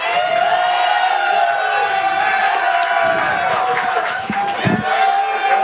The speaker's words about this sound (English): Crowd, it is now up to you who won the debate with a round of applause and a whole lot of noise.